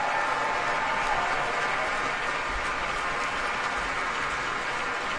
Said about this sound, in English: And the applause is not letting up here at Powell Hall.